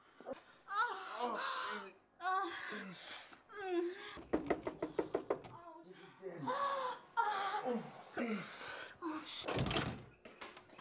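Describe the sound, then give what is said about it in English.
A rapid burst of about eight loud, hard pounding knocks on a door, set between stretches of agitated voices talking and exclaiming. “Wanna break down my door?”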